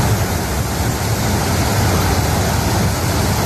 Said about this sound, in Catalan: l'aigua baixava amb tanta força que es van dur cotxes i va convertir carrers sencers en autèntics rius